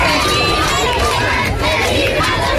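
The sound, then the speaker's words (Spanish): A large crowd roars with joyful shouts, applause and cheers for Pope Leo XIV as he rides standing in the popemobile along the main facade of the Royal Palace in Spain, a dense, continuous wall of excited voices that stays loud and steady, with overlapping yells rising above the din. “Es momento, gritos de alegría, aplausos, vítores a León XIV, que ha recorrido todo el frontal de la fachada principal de este Palacio Real en el Papamóvil, de pie, saludando a todo el público ante su primer recorrido en Papamóvil en España.”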